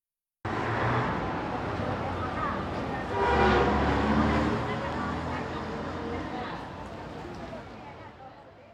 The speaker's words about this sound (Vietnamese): Đây là từ boo boo là tiếng còi và những âm thanh tương tự.